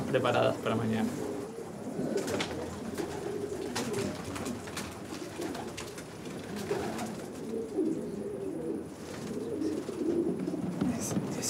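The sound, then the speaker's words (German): A flock of homing pigeons coos steadily, their low, throaty calls overlapping into a continuous murmur, with occasional soft rustles and wing flutters among them. “Es wird sich zeigen, ob sie nach dem Training alle wieder nach Hause kommen. Nicht, dass ein Falke den Schwarm angreift.”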